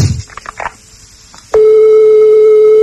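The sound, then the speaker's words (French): Faint rustling, then a loud, steady telephone ringing tone on an international call to the United States switches on abruptly and holds unbroken at a single pitch until the end, clear, reaching the fourth ring. “Alors, quatrième sonnerie.”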